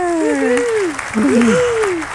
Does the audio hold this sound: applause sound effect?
yes